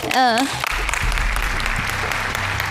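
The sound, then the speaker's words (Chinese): A short rising voice opens, then a studio audience breaks into steady, dense applause to welcome an older woman from the audience who is invited up to play a small game. Many hands clap continuously at an even loudness until the end. “好嘞， 掌声欢迎阿姨。”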